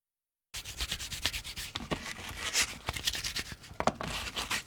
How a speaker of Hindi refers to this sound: आइए केक के किनारे सजाने के लिए भिंडियां तैयार करते हैं। एक चुटकी नमक भिंडियों के ऊपर डालकर रगड़ें ताकि रुएं खत्म हो जाएं।